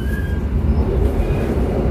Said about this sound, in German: das ist ein bisschen ältere Zug und der rüttelt noch ein bisschen.